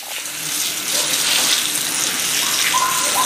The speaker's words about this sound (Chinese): 我们帮犬舍给它冲洗一下。 好呀，我们这个每个犬舍的底下都有接一个水龙头， 对，这样打扫起来方便点。 随时可以，直接冲就好， 对，随时给它整干净，冲一下。